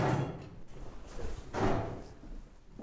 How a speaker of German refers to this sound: Hier kündigt sich eine geheimnisvolle Mechanik an. Hören Sie, da hängt das Pendel. Und da wird jede Sekunde ein Zahn aufgefangen. Und das ist, was man hört. Das Herzstück des Turms.